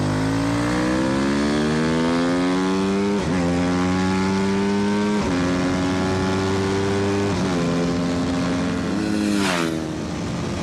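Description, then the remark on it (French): A racing motorcycle engine screams loudly and steadily, its pitch climbing and then dropping sharply at each of several quick gear changes, with no voices. “C'est vraiment l'école de la moto de course, quoi.”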